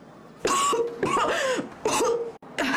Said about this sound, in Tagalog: Ang sama ng ubo mo.